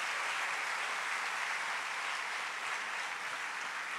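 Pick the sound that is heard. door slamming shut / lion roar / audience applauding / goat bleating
audience applauding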